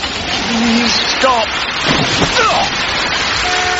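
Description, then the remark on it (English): Steady, heavy rain hisses throughout while a car with headlights on swishes by on the wet road around the middle, its tyres spraying water, as a hitchhiker sticks out a thumb for it to stop. Brief murmured vocal sounds rise over the downpour. “Ah, headlights. Right. Confident smile. Stick out thumb. And beg. Please stop.”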